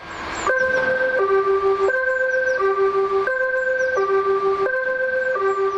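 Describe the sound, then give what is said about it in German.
The alarm gong of the Gladbeck fire station sounds loudly on its own for a drill, a steady electronic tone alternating between a higher and a lower pitch in an even, repeating rhythm about every half second. “Der Alarmgong hallt durch die Gladbecker Feuerwache.”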